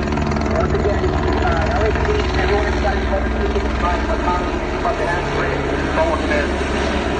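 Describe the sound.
A police helicopter drones steadily overhead with a deep, pulsing rotor thrum, while a distorted, unintelligible loudspeaker voice blares a message through the noise.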